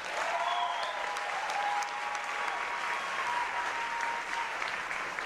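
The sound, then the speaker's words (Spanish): Sustained audience applause for Puerto Rico fills the whole stretch, a dense, steady wash of many hands clapping at moderate loudness, with a few faint whistles rising above it. “Aplauso para Puerto Rico.”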